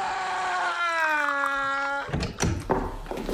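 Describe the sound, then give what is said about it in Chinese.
A door is pushed open by a man walking in, with a long, steady, tonal hinge creak lasting about two seconds, followed by a few dull thuds and shuffling knocks as it swings and settles. “片刻，一个彪形大汉推门走了进来。”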